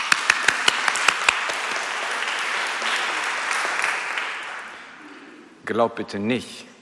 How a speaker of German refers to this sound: Ja. Applaus für Gott.